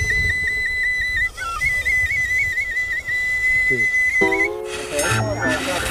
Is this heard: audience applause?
no